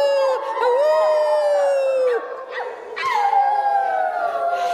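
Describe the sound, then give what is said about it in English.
A wolf howls in long, drawn-out wavering notes, with a second howl overlapping and sliding downward in pitch, loud, and no other sounds around them. “And the wolf howled, "Awoo! Awoo!”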